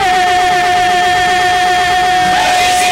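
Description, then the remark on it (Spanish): A car engine runs steadily under the hood, a loud, constant mechanical hum with a high whining tone and a faint rattling texture throughout, with no voices. “Bájale la ventana, saca el teléfono. A ver. Mételo al cofre si es necesario.”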